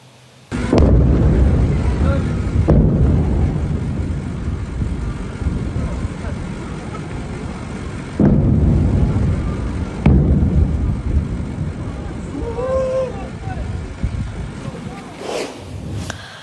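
Several loud explosions go off a few seconds apart at dawn on 24 Tir in Sirik, Iran, each hitting with a sharp, heavy boom and leaving a long, rolling low rumble in between.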